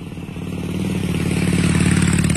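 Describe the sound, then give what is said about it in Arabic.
A motorcycle engine revs steadily, its throaty rumble swelling louder over a couple of seconds with a faint rattling clatter underneath; no one speaks. “لكن وسط كل هذا التكلف والتزييف الرقمي بتلاقي فجأة مقطع بسيط بصوت عفوي ولقطة من دراجة نارية أو حتى عن طريق وعر بيوقفك من التمرير السريع وبيخليك تتابع القصة لآخر ثانية.”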